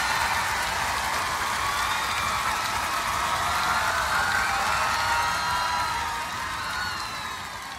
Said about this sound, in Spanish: Gracias. Un aplauso, por favor,